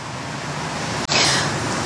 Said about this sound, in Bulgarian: Здравейте, ние се намираме точно в центъра на Варна, близо до археологическия музей. Тук е спирка за много автобуси, които са пълни с туристи, на които им предстоят обиколки на целия град.